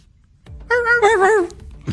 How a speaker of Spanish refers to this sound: El perro salió corriendo llorando del miedo.